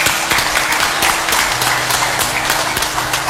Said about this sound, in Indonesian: Sudah sepatutnya kita memberikan apresiasi kepada jajaran TNI dan Polri serta seluruh elemen masyarakat yang telah bersama-sama mewujudkan Maluku yang aman dan damai. Mari kita beri tepuk tangan untuk TNI dan Polri.